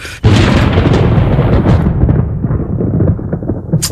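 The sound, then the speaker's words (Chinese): A loud, sudden crack of thunder, heralding rain at the time of Guyu (Grain Rain), opens into a long, deep rolling rumble that churns steadily and slowly fades, with no voices. “哎呀，这是要下雨了吧？这是谷雨，这就有雨了。”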